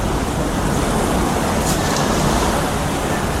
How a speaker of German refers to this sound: Nun ja, das Meer ist da. Der größte Kontinent auf Erden, die Vielfalt der Lebewesen da drin scheinbar grenzenlos, wie ja auch mein Blick darauf.